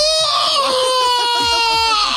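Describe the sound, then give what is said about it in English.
A person lets out a loud, sustained primal scream, a strained, tight vocal wail held for about two seconds with no talking. “Somebody said, I do a primal scream, which is always fun to do.”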